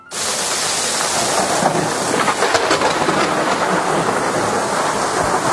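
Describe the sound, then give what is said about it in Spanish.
Heavy rain pours down steadily while low thunder rumbles through it, a loud, dense storm wash with no voices: a terrible storm lasting several days at the port of San Julián, in present-day Argentina. “Una tormenta terrorífica. Terrible, de varios días, que claro, eso provoca que los mares sean innavegables totalmente.”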